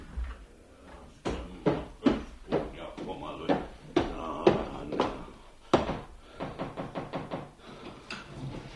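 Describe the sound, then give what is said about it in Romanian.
A door is opened as someone enters a room, with a run of sharp wooden knocks and clatters, loud, over about nine seconds, with faint muffled voices underneath. “Du-te la dracu și închide ușa pe dinamă!”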